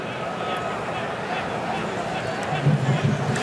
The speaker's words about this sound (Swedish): Det är den marockanska publiken ni hör göra sin variant av isländska vulkanen.